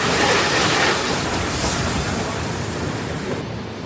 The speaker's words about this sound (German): Einer der Sonderzüge vom Darmstädter Hauptbahnhof nach Darmstadt-Kranichstein, an dem an diesem langen Wochenende die Kranichsteiner Bahnwelttage stattfinden.